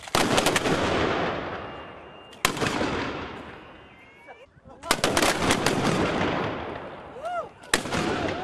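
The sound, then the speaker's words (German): Two loud cannon salute shots, fired at a monument in honour of Prince Leopold I of Anhalt, boom out a few seconds apart, each a sharp blast followed by a long rumbling decay, with faint whistling tones near the end. “Danach gab es gleich zwei Salutschüsse zu Ehren des Fürsten.”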